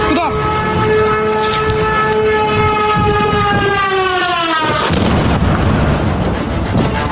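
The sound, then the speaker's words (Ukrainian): A steady, high whine of a Russian drone slowly drops in pitch before it explodes loudly next to a news film crew during a double-tap attack. A rough, rumbling noise fills the remaining seconds. “Російський дрон вибухнув поруч із моєю колегою”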